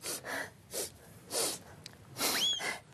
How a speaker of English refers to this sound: …, why do you blow out the candles?